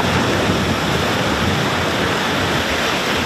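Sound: waves breaking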